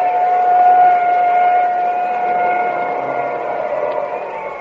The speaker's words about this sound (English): Now there goes the ambulance. We'll know how both drivers are in a few minutes.